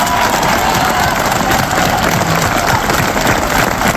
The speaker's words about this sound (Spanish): Queríamos darle un fuerte aplauso a todos por la labor tan grande que están haciendo con nosotros. ¿Vale? Un aplauso y un viva por todos ellos.